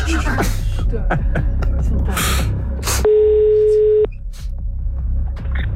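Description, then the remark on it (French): A single steady ringback tone on an outgoing phone call to someone in France sounds for about a second, clear, while people murmur and shuffle in the background before and after it. “On laisse une demi-sonnerie au premier appel, du coup.”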